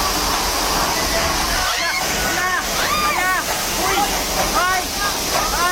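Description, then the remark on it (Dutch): Floodwater of a deadly river flood in Nepal and Tibet rushes in a steady, loud roar of churning river water, constant throughout, with indistinct voices calling faintly beneath the torrent. “In Nepal en Tibet in Azië zijn meerdere mensen omgekomen bij een heftige overstroming van een rivier.”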